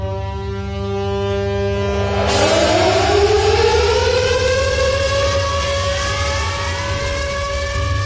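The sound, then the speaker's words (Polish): Air raid sirens wail continuously at Westerplatte, Poland, at 4:45, opening the commemoration of the 87th anniversary of the outbreak of World War II; one rises in pitch over a steady droning tone, loud and sustained for the whole stretch with no voices. “Dźwiękiem syren alarmowych rozpoczęły się o 4:45 na Westerplatte obchody 87. rocznicy wybuchu II wojny światowej.”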